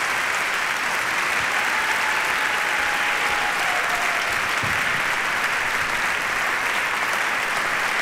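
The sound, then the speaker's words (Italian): Sustained, dense applause from a very large audience filling the hall of the Auditorium Rai Toscanini, broadcast live on Radio 3, steady and loud throughout with no pauses, a faint whistle-like tone briefly rising above the clapping. “E che si gode il meritato applauso del pubblico numerosissimo in sala all'Auditorium Rai Toscanini.”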